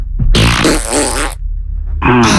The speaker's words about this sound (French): Ah, t'aimes quand je pète? Ah oui, j'adore.